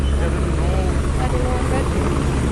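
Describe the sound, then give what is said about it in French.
A loud, steady helicopter drone with thumping low-frequency rotor pulses overhead, with a busy wash of crowd noise and murmured voices underneath, amid a crowd of foreign journalists and cars. “Au milieu d'une nuée de journalistes étrangers, de voitures, du bruit des hélicoptères, nous apercevons une jeune fille.”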